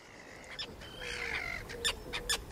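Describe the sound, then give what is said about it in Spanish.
Harsh, scratchy calls of common terns (Sterna hirundo) flying over glittering water ring out in several short bursts over a faint wash of background noise, the grating cries rising and repeating irregularly. “Y sobre esas aguas resplandecientes, los estáis escuchando, vuelan los ruidosos, elegantes, pero siempre malhumorados charranes comunes.”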